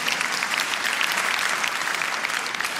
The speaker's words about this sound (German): Und ja, das ist ein Applaus wert.